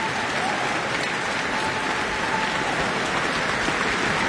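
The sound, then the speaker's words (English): A concert audience in New Zealand applauds steadily for 18-year-old Singaporean violinist Chloe Chua after her performance of the Tchaikovsky Violin Concerto, a dense, continuous wash of clapping that stays loud and even for the whole few seconds, with no distinct voices standing out. “And you can hear some more cheers.”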